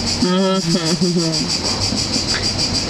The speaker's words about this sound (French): C'est très beau, là. Très esthétique, les grillons.